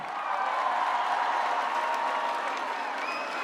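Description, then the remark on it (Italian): Steady, dense applause from a large audience in Ferrara fills the whole stretch, with a faint whistle or cheer rising near the end and a loud, sustained wash of clapping throughout. “un applauso Ferrara”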